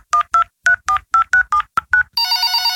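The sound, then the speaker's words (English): A quick run of about nine telephone keypad tones as a call home is dialed, each a short two-pitch beep in a steady rhythm, followed by a steady buzzing ring tone as the call connects. “I'm calling home on Malayam now.”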